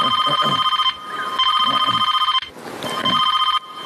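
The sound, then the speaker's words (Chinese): A mobile phone ringtone for an incoming call trills in repeated bright electronic bursts, loud, with short pauses between rings and no talking. “你别走，来，别动，我来电话了。”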